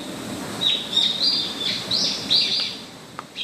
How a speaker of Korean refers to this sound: 와, 저 진짜 감탄했어요. 새소리가 이렇게 예뻐요. 네. 네, 진짜 귀하잖아요. 도시에서는 이제. 듣기가 매우 어렵죠.